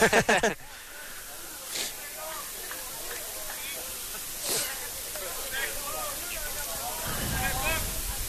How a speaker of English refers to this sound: No runner, and it has started to rain here in Brookville. Well, that's great.